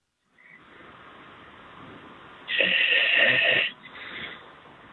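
A loud, rasping snore comes through a tinny, band-limited phone line over steady hiss, followed by a shorter, softer snoring breath.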